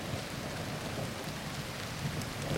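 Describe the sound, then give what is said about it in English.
Steady rain falls in a dense, even hiss with scattered drops pattering on a surface, continuous and moderately loud, with no voices present. “I just like listening to the rain.”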